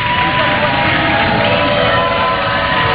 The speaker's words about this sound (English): Crowd loving it. An incredible long marathon day at the Ocho.